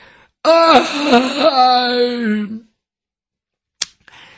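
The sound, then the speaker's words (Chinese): A male storyteller imitates a long, drawn-out yawn as the character Yang Zhong gets up from the ground, stretches and yawns, rising then sliding down in a wavering moan for about two seconds, followed by silence and a brief click. “一会儿的功夫，这杨忠眼睛睁开了，由打地下爬起来，伸了个懒腰，打了个哈欠。”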